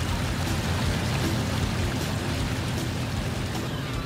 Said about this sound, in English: The boat returns to the port full of fish. Fishing boats that left the port when it was still dark outside return at daybreak.